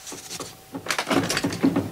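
A door is opened and then shut, with a short wooden creak and rattle of the mechanism followed by a muffled knock as it closes.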